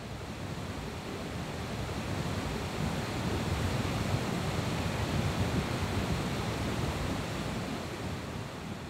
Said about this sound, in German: Die Gilfklamm in Meran. Der Fluss Passa schäumt durch diese Felsschlucht.